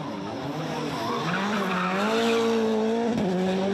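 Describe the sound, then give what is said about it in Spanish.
A Red Bull Formula 1 car driven by David Coulthard drifts through the streets of Zagreb at the Red Bull Showrun, with loud, sustained tire squeal over a high-revving engine whine, the pitch shifting steadily as it slides, continuous for several seconds with no talking. “Vimos al legendario conductor de Fórmula 1, David Coulthard, haciendo drifting por las calles de Zagreb en un bólido de Fórmula 1.”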